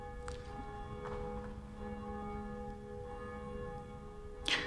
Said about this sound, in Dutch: In de klokkentoren, die zich duidelijk laat horen, wel, daar is één van die klokken, die heet Jacobus, naast Barbara en Blasius, en die horen wij momenteel luiden.